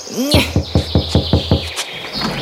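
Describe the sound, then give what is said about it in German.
About six evenly paced knocks rap on a gate, firm and steady over a low droning hum, preceded by a brief rising whistle-like chirp. No one speaks. “Wir klopfen jetzt gleich mal.”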